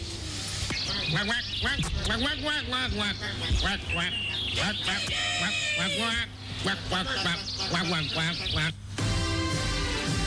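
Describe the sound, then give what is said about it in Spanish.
A raspy, buzzing voice imitates a duck, the character Pato Florencio, quacking out a continuous stream of garbled, speech-like squawks, loud, with only brief pauses over about ten seconds. “¿Qué mejor forma de acabar este exhaustivo reportaje de investigación con las sabias reflexiones del Pato Florencio, lector habitual de poesía barroca alemana y portavoz de la Liga de Animales y Humanos por una prórroga nuclear de 1000 años”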